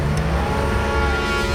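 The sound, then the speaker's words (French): A car engine restarts and runs loudly and steadily, its low rumble building as the car accelerates and pulls away at a border crossing, with no voices. “La voiture redémarre enfin.”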